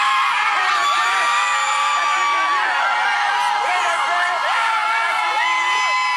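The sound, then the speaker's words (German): A dense crowd of fans screams and cheers continuously, many high-pitched voices overlapping in excited shouts and whoops, loud and sustained throughout, as Haiti's blue team bus pulls up in front of the team hotel in Boston on Thursday before the World Cup. “Als Haitis blauer Mannschaftsbus am Donnerstag vor dem Teamhotel in Boston vorfährt, gibt es bei den Fans kein Halten mehr.”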